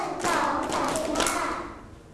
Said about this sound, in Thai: ตบตัก5ครั้ง